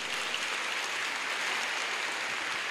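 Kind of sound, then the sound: crowd, audience applause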